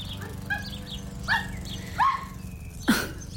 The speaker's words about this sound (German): Ganz schön lebhaft. Wie halten Sie denn das aus mit dem Hund?